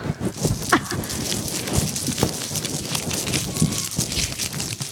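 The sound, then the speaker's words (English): Paper being ripped for an ASMR segment, a continuous crackling, rustling tear with frequent sharp snaps throughout, fairly loud and steady, with no talking. “who else is going to do some ripping of the paper?”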